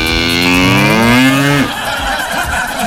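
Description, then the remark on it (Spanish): A cow that is about to be milked into a bucket, on a rainy day, lets out one loud moo lasting about a second and a half, its pitch rising slightly before cutting off into a low, rough background noise. “A ordeñar ahí a la vaca.”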